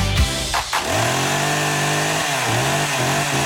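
A Stihl chainsaw engine, featured in a Maxima store advertisement, roars up loudly after a brief start, then holds a steady buzzing whine with a few quick dips and surges in pitch as the throttle is blipped.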